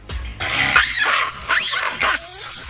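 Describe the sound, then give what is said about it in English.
A series of loud, harsh screeching calls from macaque monkeys, rising and falling in pitch, come in quick bursts one after another, with no talking. “So that is the monkey that they're having issues with.”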